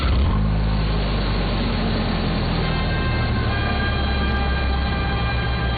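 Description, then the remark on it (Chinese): A heavy truck engine drones loudly and steadily as the truck arrives to carry an injured factory director, a deep rumbling roar with a whining hum layered on top, continuous with no voices. “卡车来了，把冯厂长抬上车。”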